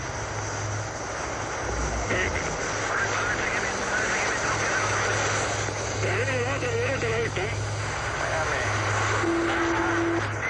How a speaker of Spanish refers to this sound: Está en la región, donde cayó. Tenemos la avioneta a la vista.